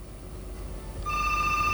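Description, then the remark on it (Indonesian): A telephone starts ringing partway through for the next incoming call, a steady electronic trill with bright sustained tones over a low background hum; no one speaks. “sudah bergabung malam ini pada telepon berikutnya.”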